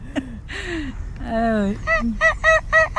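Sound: wild geese honking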